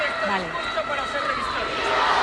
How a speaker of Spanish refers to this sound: Están presentando honores las cabezas de los cuerpos militares y los gritos de la multitud.